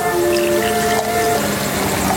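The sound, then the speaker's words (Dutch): Wine pours steadily into a glass in a hillside village after dark, a continuous gurgling stream whose pitch shifts as the glass fills, with no voices over it. “We schenken een glas wijn in.”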